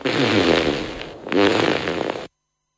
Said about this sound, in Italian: Quando il culo è avvezzo al peto, non si può tenerlo cheto.